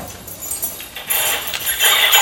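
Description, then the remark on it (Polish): House keys jingle, pitch-shifted lower to bring out the part of the jingling normally not heard: a soft jangle at first, then a steadier, louder stretch of metallic clinking and shimmering that continues to the end, with no voices. “Wiecie Państwo wszyscy, jak dzwonią klucze do mieszkania?”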